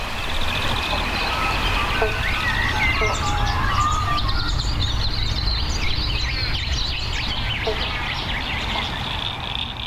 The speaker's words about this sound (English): Hear the frogs. There's several species calling right now. Banjo frogs or bobble bonks. I used to think it was one frog going bobble bonk, but the males, they'll start off with a bonk, and all the other males try and get as close to that first bonk